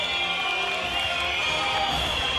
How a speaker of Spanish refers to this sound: Ahí escuchamos los silbidos de fondo, claro, porque sale Blooming y se mete al vestuario para ponerse el uniforme correspondiente.